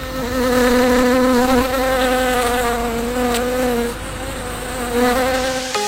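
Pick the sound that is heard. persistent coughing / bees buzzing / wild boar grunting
bees buzzing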